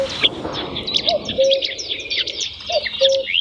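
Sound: marsh warbler song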